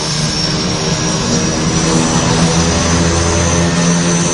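Aircraft engines roar steadily with the aircraft many feet above the ground, a dense, continuous drone with a low propeller-like hum and broad rushing noise, holding constant loudness throughout with no voices.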